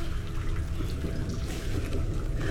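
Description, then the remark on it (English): A deep, continuous roar of rushing floodwater pours down through rocky terrain, loud and close, holding steady without pause and with no voices over it. “It is not uncommon for large quantities of water to come cascading down the gorge.”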